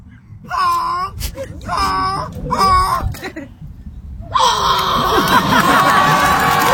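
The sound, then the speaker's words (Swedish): A person gives three loud, strained honking cries in a row, a human voice imitating a goose at a goose-call contest in a park in London, then a crowd bursts into cheering and noisy reaction outdoors. “ett gäng i London som samlas i en park och så låter man som en gås”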